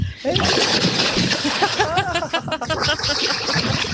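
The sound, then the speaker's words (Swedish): A person plunges into 13-degree lake water at Tenniskröket in Härjedalen, going fully under, and thrashes about, with loud continuous splashing and sloshing throughout, while a voice briefly exclaims over the churning water. “Nu plaskar jag.”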